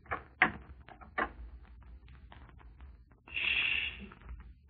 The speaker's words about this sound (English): Shh. You knocked, friend.